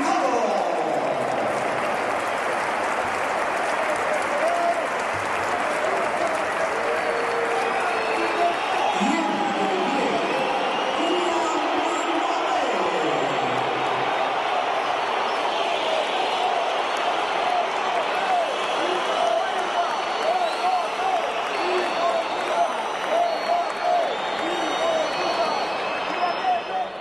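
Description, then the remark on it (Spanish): A large football stadium crowd at the Bernabéu roars steadily throughout, with shrill whistling, jeering voices and bursts of applause blending into a loud, continuous wall of noise, as Gonzalo is substituted off and Kylian Mbappé comes on. “Pitos, insultos, se iba Gonzalo, por eso los primeros aplausos, situamos, y entraba Kylian Mbappé.”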